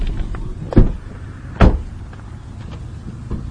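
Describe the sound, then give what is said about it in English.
Steady low road rumble fills the cabin of a moving car travelling about 50 feet in front of a large magnet being moved down the road, broken by two sharp clunks close together and a softer knock near the end. No one speaks. “We've been traveling in a car pretty much about 50 feet in front of the magnet.”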